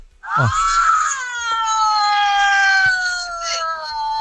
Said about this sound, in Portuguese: Vai, dá uma buzinadinha. Vai.